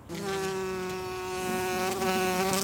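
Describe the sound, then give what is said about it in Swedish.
A bumblebee buzzes steadily as it moves and its body twitches, a continuous low droning hum with rich overtones that swells slightly toward the end, heard alone without any voices. “Kimalainen liikkuu ja sen keho nytkähtää.”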